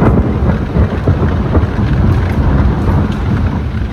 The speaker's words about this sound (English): Those were the thunderstorms keeping people awake last night